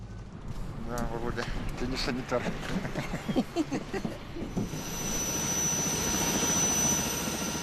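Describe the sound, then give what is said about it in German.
Voices talk briefly, then a loud, steady airplane engine roar takes over, a broad rushing drone with a thin high whine running through it that holds to the end. The plane flies several medical missions daily, carrying pregnant women to hospital for check-ups and births. “Und dieses Flugzeug fliegt jeden Tag mehrere medizinische Einsätze.”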